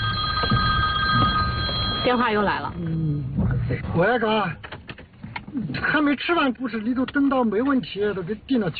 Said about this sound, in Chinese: 王永忠的手机也响个不停